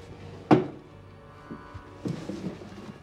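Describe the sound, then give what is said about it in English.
A wooden desk drawer slides shut with a solid thunk, followed by a softer knock and then a few seconds of rummaging and light clatter as someone searches the desk drawers, with no one speaking. “He searches drawers.”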